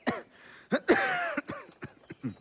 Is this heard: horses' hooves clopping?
no